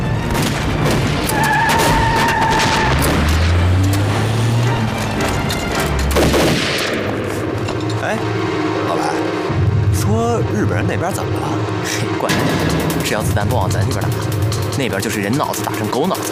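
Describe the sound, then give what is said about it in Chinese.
Gunfire crackles in scattered bursts over a steady low rumble, with voices and engine-like drones mixing in throughout the noisy scene. “只要子弹不往咱这边打，那边就是人脑子打成狗脑子，跟咱都没什么关系。”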